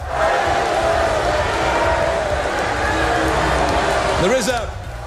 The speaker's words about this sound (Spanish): Los asistentes han respondido con abucheos y rápidamente los servicios de seguridad han sacado a las manifestantes.